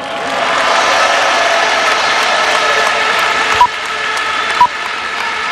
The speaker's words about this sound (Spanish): Un aplauso para ellos.